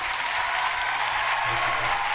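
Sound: applause sound effect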